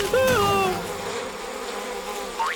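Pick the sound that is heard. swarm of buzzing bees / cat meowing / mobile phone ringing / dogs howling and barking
swarm of buzzing bees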